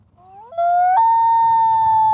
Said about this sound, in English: And I want you to hear their call. This is what a loon sounds like. Beautiful, right?